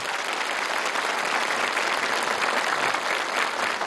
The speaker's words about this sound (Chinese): 在这里让我们用热烈的掌声再次欢迎各位领导、嘉宾、老师和同学们的到来，欢迎你们， 欢迎你们。